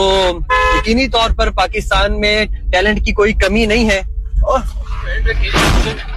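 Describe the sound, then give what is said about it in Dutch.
Excited voices talk loudly for several seconds, then a short, heavy crunching impact bursts out near the end as a driverless car, turning left, slams into the side of a police car parked on an otherwise empty parking lot. “Hij rijdt dus vol in de zijkant van de politiewagen.”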